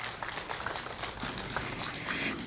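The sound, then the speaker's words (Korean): A crowd at the groundbreaking ceremony for the Seonhakwon Foundation's elderly welfare facility applauds a Buddhist monk who offered the venue, in a dense, steady wash of many overlapping claps that holds evenly at a moderate level for a couple of seconds, with no voices breaking through. “소중한 공간을 내어주신 스님께 다시 한번 큰 박수 보내주시기 바랍니다.”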